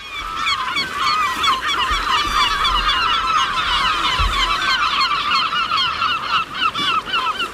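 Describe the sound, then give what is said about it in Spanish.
A dense chorus of honking waterbirds at the nature reserve where the Guadalhorce river meets the Mediterranean, geese-like calls overlapping constantly and loudly with no pauses, against a low rumble of wind or water in the background. “y la propia delegación de Medio Ambiente de la Junta de Andalucía ha generado una serie de recorridos que están señalizados e incluso tiene los observatorios de aves que son espectaculares para la visión de estas aves.”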